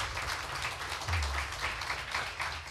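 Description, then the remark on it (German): An audience applauds to welcome the next contestant of a second preliminary round, a dense crackle of many hands clapping at once that holds a steady, fairly loud level throughout, with no voices over it. “Ich möchte, dass sie ihn auch mit einem 10-Punkte-Applaus hier vorne willkommen heißt.”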